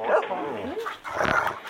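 A dog barks and yips down the telephone during a call to the Kennel Club, in short bursts, thin and band-limited, with a couple of clustered barks close together.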